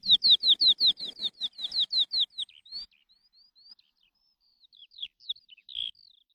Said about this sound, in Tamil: சிட்டுக்குருவி திரும்பி நம்ம கூட கீச் கீச் கீச்சின்னு